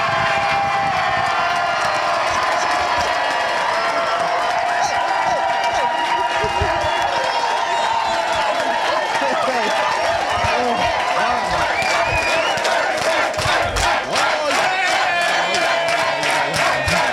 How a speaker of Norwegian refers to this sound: Ja, her jubles det hele tiden, selvfølgelig.